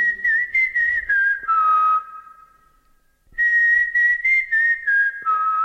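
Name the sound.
whistled recognition signal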